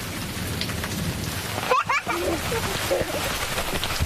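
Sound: heavy rain falling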